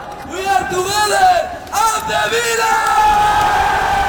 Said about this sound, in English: Manager Unai Emery addressed the crowd after an open-top bus parade through the city.